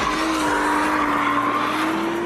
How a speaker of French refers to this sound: Mais quand les assistances électroniques sont débranchées, la lourde japonaise devient jolie ballerine, tout en drift. Par-dessus le vrombissement du V6, les pneus chantent de plus en plus fort.